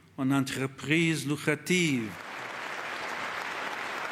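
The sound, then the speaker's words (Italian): A man's voice speaks for about two seconds, then audience applause for the Pope at UNESCO breaks out and continues as a steady, dense patter of many clapping hands until the end. “Ci torna dall'UNESCO, dove è applauditissimo.”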